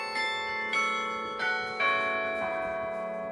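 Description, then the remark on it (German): Carillon bells of the Parochialkirche in Berlin, Germany, revived in 2016, ring out from the church's newly rebuilt tower in a slow sequence of struck tones, each strike followed by long overlapping resonance that hangs in the air. No voices are heard. “Das Glockenspiel der Berliner Parochialkirche wurde 2016 wieder zum Leben erweckt.”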